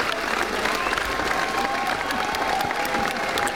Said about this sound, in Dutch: En na de voorstelling was er uiteraard een minutenlange staande ovatie.